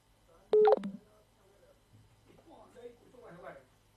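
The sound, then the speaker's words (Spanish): A quick, loud burst of telephone keypad dialing tones sounds near the start as someone dials to call a person back, a few beeps run together, then quieter voices talk faintly in the background. “Te llamo de vuelta”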